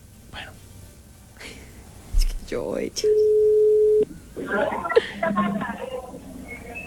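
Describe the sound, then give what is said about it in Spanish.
A telephone ringback tone plays as a call is being placed, a steady, flat mid-pitched beep lasting about a second, with background chatter and shuffling noises before and after it. “Bueno, silencio. Está sonando.”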